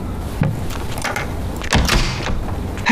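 A door is opened with a sliding rattle and a couple of dull knocks and thuds, clear, with no voices over it.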